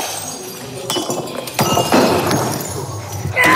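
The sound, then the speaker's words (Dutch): Repeated crashes as a woman smashes plates, vases, old computers, mobile phones and a coffee machine in a rage room in Warnant near Dinant, Namur province: sharp shattering impacts with glassy clinks and debris scattering, loud, several hits in quick irregular succession. “U krijgt 15 minuten de tijd om alles in de kamer af te breken. Borden, vazen, oude computers, gsm's, koffiemachine enzovoort.”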